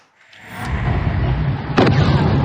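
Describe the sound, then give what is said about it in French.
A deep, rolling rumble of large explosions from US strikes at night in Bandar Abbas, a coastal city in Iran on the Strait of Hormuz, swells over a couple of seconds, then a sharper, louder blast hits near the end, booming, with no voices. “En pleine nuit, de larges explosions en Iran.”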